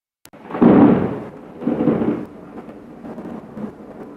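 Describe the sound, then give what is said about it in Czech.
A sharp crack from a lightning strike opens into deep, rolling thunder that swells in two loud rumbling waves, then fades into a lower, lingering grumble with no voices present. “E, sad kad munja pade na te, učini mi se...”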